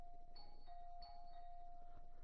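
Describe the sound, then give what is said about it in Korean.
A doorbell rings insistently, its steady electric tone pressed again and again in quick succession over about two seconds, fairly quiet with a faint low hum beneath and no voices. “어느 장난꾸러기 녀석이 초인종을 이렇게 누른.”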